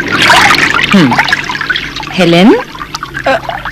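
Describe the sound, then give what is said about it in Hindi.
Water runs steadily from a tap, a continuous splashing hiss, with a couple of short wordless vocal sounds breaking over it. “ये रहा पानी का नल।”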